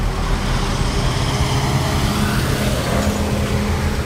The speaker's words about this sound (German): An einer vielbefahrenen Straße mit Autos, Bussen und Lastwagen ist es für Fahrradfahrer oder Fußgänger besonders wichtig, dass sie gut gesehen werden.